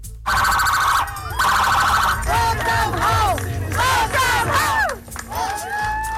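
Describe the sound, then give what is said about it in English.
A loud crowd cheers and whoops at a surprise homecoming celebration in Stratford, PEI, for a 9-year-old boy and his mother returning from Toronto, while emergency sirens wail in rising and falling sweeps and steady horns blare, all overlapping in a continuous celebratory din. “A surprise celebration in Stratford, PEI, where a big crowd turned out for an emotional homecoming.”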